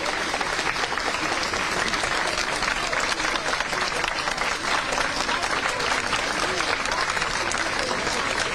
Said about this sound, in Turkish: Alkış seslerini duyuyorsunuz.